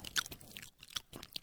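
Close-up wet chewing of soft food, with irregular smacking and crunchy mouth clicks repeating in quick bursts, fairly quiet overall with no talking.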